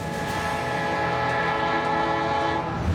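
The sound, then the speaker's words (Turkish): A train running steadily, with a continuous rumbling roll and a sustained horn-like tone held throughout, no voices present. “Treni teslim yerine zamanında ulaştırmaya çabalıyorum. Treni durdurmak zorunda kalmak bu işi zorlaştırıyor.”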